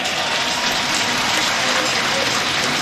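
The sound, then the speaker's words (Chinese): A crowd claps steadily for about three seconds for the jumper Gaier after his jump, a loud, dense wash of overlapping claps with no pause or build, holding at an even level throughout. “掌声送给辽海家的盖尔。”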